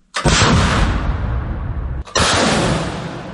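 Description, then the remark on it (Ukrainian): Two rockets from a Partyzan launcher fire in quick succession at Russian occupiers' FPV drone launch points in the Zaporizhzhia area. Each is a loud, sustained roaring blast that fills the air, the second about two seconds after the first. “Саме так ракети від партизана називають захисники, летять по окупантах.”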